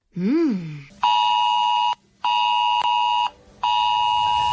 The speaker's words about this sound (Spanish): ¿Recoñeces este son? É o son do sistema Ace Alert. Podes soar no teu móvil se a Xunta de Galicia o activa para que adoptes medidas ante unha alerta ou emerxencia de protección civil na tua zona xeográfica.